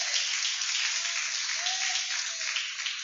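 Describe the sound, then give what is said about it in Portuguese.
A church audience applauding steadily to praise God and welcome the pastor, a dense, even wash of many hands clapping at once that keeps the same loudness throughout, with a faint tonal murmur rising briefly in the middle. “Palmas que louve a Deus para receber o pastor.”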